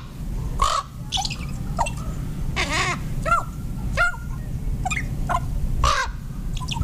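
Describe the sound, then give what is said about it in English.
A series of harsh, croaking common raven calls, about eight or nine in an irregular sequence, loud, over a low rumbling outdoor background with no talking. “Ravens are considered to be among the smartest of all birds.”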